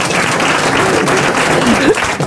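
A crowd applauds steadily, a dense wash of clapping from many hands that stays loud and even for a couple of seconds, with faint voices mixed in.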